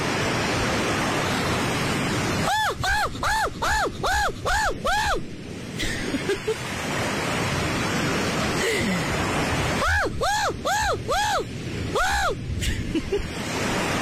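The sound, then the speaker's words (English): On a radio show, a man imitates a seagull in a seagull impression contest, making a rapid series of rising-and-falling squawks, about six in a row, then a second burst later, heard over a steady rush of surf-like noise. “So lads, who's the better gull?”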